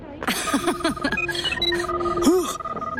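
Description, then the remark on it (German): A phone alarm rings with a busy run of warbling, chirping electronic tones that rise and fall repeatedly for about three seconds, loud. “mein Buh-Phone. Alarm aus meinem Hus.”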